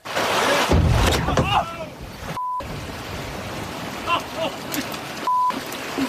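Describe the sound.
A whale slams into a small fishing boat off the Long Island coast of New York, crashing through the boat's door with a brief, heavy thud and splash that sends fish and water flying, over rushing wind and water. Two men shout excitedly afterward, cut by two short censor beeps.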